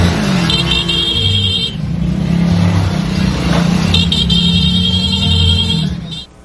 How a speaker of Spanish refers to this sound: Lo que ocurrió este jueves en las calles del norponiente de Veracruz no fue solo un cortejo fúnebre, fue una comunidad que se detuvo, que tomó sus motos, que acompañó a un hombre hasta el final del camino.